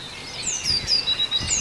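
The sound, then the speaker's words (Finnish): A tit's thin, high calls repeat in a quick series of short notes over a soft outdoor hiss, fairly clear, with no one speaking. The bird is on the yard side and is picked up by a forest microphone in the morning after sunrise. “Tämä oli tiainen pihan joo.”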